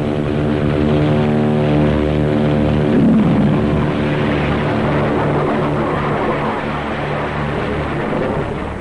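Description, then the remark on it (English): A rocket-assisted airplane takes off using JATO bottles, four attached to the plane, giving the kick of two added engines in the critical ten seconds of takeoff; a loud, continuous roar of propeller engines with a rushing blast layered over it holds steady the whole stretch, with no voices. “In the critical 10 seconds of takeoff, they give the kick-up of 2 added engines.”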